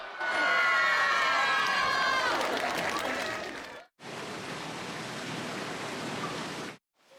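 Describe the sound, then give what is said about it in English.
A crowd of Vietnamese technical trainees cheers loudly at a women-only amateur sumo tournament held on Mother's Day in the town of Fukushima, Hokkaido, with excited shouting voices rising over the din, then a brief break before a second burst of steady, dense cheering and clapping. “The people cheering are Vietnamese technical trainees.”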